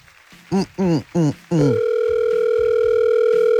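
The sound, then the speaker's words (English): A few quick electronic beeps, then a loud, steady phone ringing tone of an outgoing call to an uncle that drones on without a break until the end. No one speaks. “It's phone loud today.”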